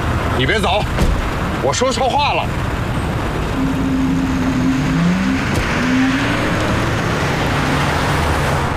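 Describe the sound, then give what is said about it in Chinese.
A car drives with a steady rumble of engine and road noise throughout as a passenger demands that it stop and pull over. Brief voices speak near the start, and a low whining tone rises midway as the car seems to slow. “你把车给我停住，还没到呢。靠边，我要你停车。”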